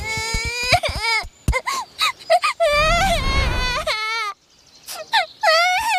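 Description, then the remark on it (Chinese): A child wails and sobs in long, high-pitched bursts that rise and fall, broken by short gasping breaks, with a rough, noisy stretch of crying in the middle; the child is crying because a toy fire engine broke. “好像有人在哭，走，看看去。”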